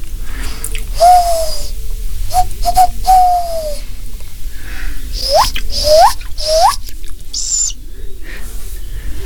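Three tawny owl chicks at a wildlife care centre, two tiny babies and one slightly larger, call for their mother in a string of thin, wavering whistled cries, some drawn out and others short rising squeaks, over a steady low background hiss with no talking.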